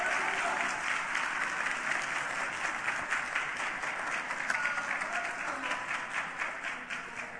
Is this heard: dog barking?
no